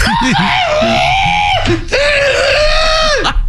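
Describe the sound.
A person imitates a rooster crow with two loud, strained, high-pitched vocal calls. Each is held for over a second with a rising start and falling end, separated by a short gap.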